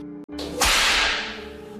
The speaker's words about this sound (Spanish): Y cruzó el cuerpo de Juan Darien de un feroz latigazo.